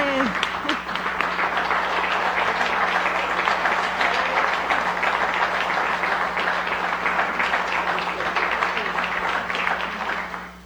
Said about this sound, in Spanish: Muchísimas gracias. Un aplauso para el licenciado Dustin Guerra, director de CERTV, nuestro anfitrión del próximo año.